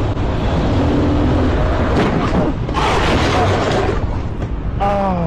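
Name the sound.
car hitting a motorcyclist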